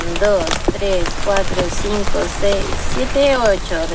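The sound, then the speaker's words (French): Heavy pouring rain hisses steadily and densely throughout, a constant wash of sound, while people talk over it as they take water samples from a river. “Sous une pluie battante, ils effectuent des prélèvements de l'eau de la rivière.”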